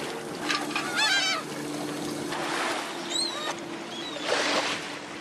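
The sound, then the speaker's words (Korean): Seagulls gather around a fishing boat hauling in nets of sand lance, looking for food, calling in repeated squawks and cries, several birds overlapping, over the steady drone of the boat engine and splashing water. “이 갈매기가 많이 모여드네요. 먹이 찾아.”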